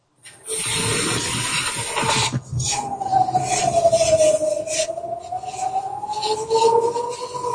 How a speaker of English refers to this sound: Can you hear that? We can hear that. These are the sirens, basically warning the Israelis that there are some rockets coming in a couple of minutes.